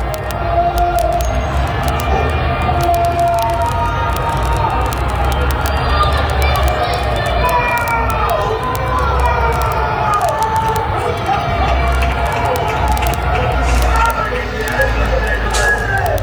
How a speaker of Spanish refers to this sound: Se van escuchando ahí como la ola que hicimos. Claro, como con eco viene llegando el gol.